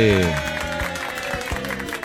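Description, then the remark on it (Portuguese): An audience claps steadily throughout for the winner of a raffle draw for two dinner tickets, a dense wash of applause with a voice calling out over it at the start before fading into the continued clapping. “Vamos aplaudir”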